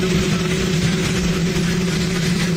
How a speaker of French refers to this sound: Vous n'avez rien entendu, bien c'est normal. Sans les micros du pool télévisé, les mots du président sont allés se perdre dans le grondement de son hélicoptère.